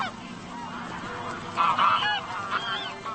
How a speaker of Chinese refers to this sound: 可怜的灰雁，它们才刚刚开始进食，现在就不得不逃回芦苇荡。